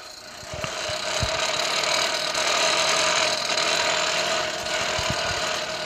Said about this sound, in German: schlägt es jetzt weiter runter, damit es wirklich ja so verbogen wird halt.